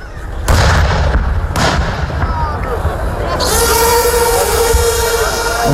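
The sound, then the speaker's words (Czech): Loud booming blasts of artillery fire during a military exercise display at Jarun, Croatia: two sharp reports close together followed by rumbling echoes, with a continuous roar of engines or wind underneath and faint voices in the background. “topništvo, logistička potpora, na što je cijela priča jednog borbenog rasporeda u obrani”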